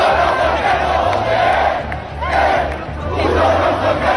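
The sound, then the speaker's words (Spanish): A large protest crowd at the Puerta del Sol shouts chants in unison, loud and continuous, with many overlapping voices surging and dipping in a rough rhythm over a low, steady rumble. “Esos son algunos de los gritos que hemos escuchado, también estos otros.”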